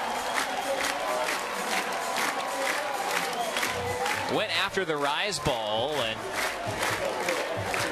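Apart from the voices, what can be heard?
stadium crowd cheering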